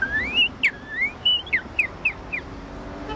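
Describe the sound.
A person whistles a bird-song imitation of a northern cardinal: rising slurred whistles followed by a series of quick downslurred chirps, clear over faint background rumble.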